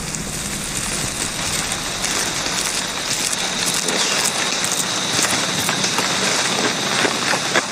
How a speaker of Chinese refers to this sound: 雨林中的雨总是来得快，去得也快